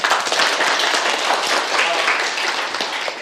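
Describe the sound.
A roomful of students clapping steadily in a classroom during a physics lead-in lesson, dense and fairly loud throughout, with a faint murmur of voices mixed into the applause, as a student is called up.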